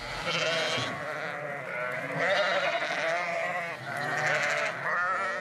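animal, sheep bleating

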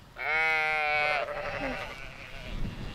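animal, sheep and goats bleating

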